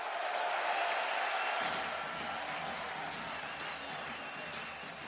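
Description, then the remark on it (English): A large baseball stadium crowd roars during the 2nd inning in a steady, continuous wash of cheering and clapping, loud and sustained throughout, with a faint low rumble joining in partway through. “It's going to be a quick talking to, but the crowd getting into it.”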